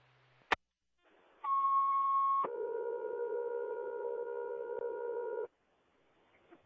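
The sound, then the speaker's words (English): A fire dispatch radio cancellation tone for the cancelled Burnt Hills Fire CO alarm activation call at Everson Way: a short click, then a steady higher electronic tone lasting about a second that drops to a lower sustained tone for three more seconds, loud and alone. “Excuse me, cancellation tone.”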